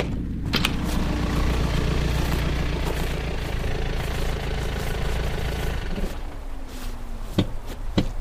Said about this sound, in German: Da kommt ein Wagen. Das wird die Polizei sein.